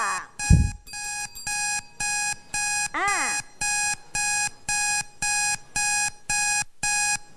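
A time-up alarm signal after a teacher's countdown from nine to one in a classroom activity rings out in a steady run of about eleven loud, bright electronic beep bursts, opening with a brief low thump and broken once by a quick warbling sweep.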